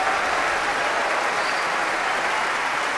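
A steady wash of enthusiastic applause from a large concert audience for a bowing soloist, joined by the musicians of the Concertgebouw Orchestra; dense continuous clapping with no pauses or voices standing out, loud throughout.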